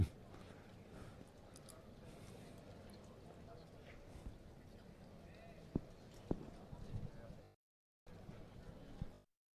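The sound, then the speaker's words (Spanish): A picador's horse's hooves clip-clop over soft ground in a bullring during a bullfight, amid a steady wash of crowd noise, with a couple of sharper knocks standing out and faint voices underneath; the sound briefly cuts out near the end. “El caballo hace mucho lucimiento, únicamente toreando hacia el toro, toreando para el toro, capote arriba.”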